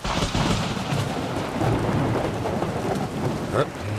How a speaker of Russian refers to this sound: Давно такой грозы не было. Да уж, давненько.